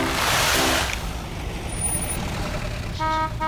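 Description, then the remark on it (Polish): A heavy truck rumbles by, with a loud hiss of air brakes at the start and short horn toots near the beginning and again at the end. “Na bok! Na bok! Cieszne rjady przyjedu. Der, der, nakładne auto.”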